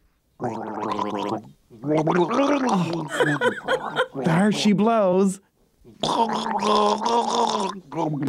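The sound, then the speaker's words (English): A person gargles liquid in their throat while trying to say radio call letters, in several bursts, producing wavering, bubbly vocal tones, with a brief spoken phrase among them. “I'm going to gargle with this and say the call letters over and over again until I get it right.”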